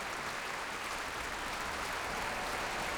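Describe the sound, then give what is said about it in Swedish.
A large, full-house concert audience in Bävalhallen, much of it standing, applauds steadily, dense clapping filling the space at a constant level from start to finish with no voices standing out. “En stor del av publiken här i Bävalhallen står upp nu faktiskt och applåderar.”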